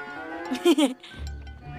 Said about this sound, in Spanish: La vaca se comerá estas fresas y luego nos dará leche de fresa. ¡Cómetelas, vaca! ¡Come! ¡Son para ti!